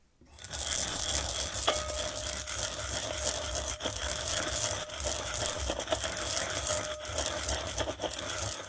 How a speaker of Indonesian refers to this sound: Dan berikutnya kita membuat bumbu wijen untuk asparagus. Masukkan 2 sendok makan biji wijen putih sangrai di dalam cobek atau lumpang dan haluskan menggunakan pengulek.